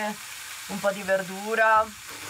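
Food frying in a pan, a steady crackling sizzle running throughout the short clip, with a voice briefly sounding over it in the middle.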